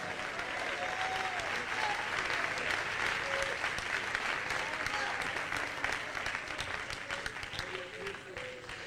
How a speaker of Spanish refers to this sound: Dale palmas al Rey en esta noche.